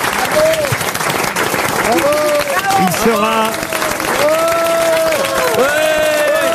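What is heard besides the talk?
audience applause and cheering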